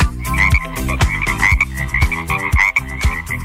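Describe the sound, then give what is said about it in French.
Rhythmic frog croaks pulse about twice a second, loud, over a bright musical backing with a repeating melody; no one speaks. “Alors qu'on se le dise, la fête de la grenouille à Demolle, c'est le 15 août à partir de 11h.”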